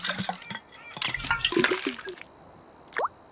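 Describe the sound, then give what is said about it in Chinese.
The last water sputters and splashes out of a bottle in short, irregular glugs for about two seconds, leaving the bottle empty, then trickles off into quiet, with one final brief drip near the end, at a place where a lake has dried up. “瓶子空了，这下我们已经一滴水也不剩了”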